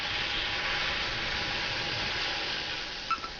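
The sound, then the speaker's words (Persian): A pot of 250 cc of water for making dashi boils on the stove at a steady rolling hiss, continuous, with a faint bubbling rush and a brief small clink near the end. No one speaks. “وقتی آب جوش اومد ورقه های کاتسو و بوشی رو اضافه کنید.”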